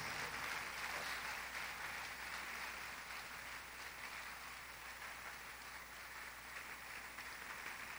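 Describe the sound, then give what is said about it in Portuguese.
A church audience applauds steadily, a dense wash of many hands clapping that holds an even, sustained level for several seconds with no voices standing out. “Vamos aplaudir mais, igreja, vamos aplaudir mais.”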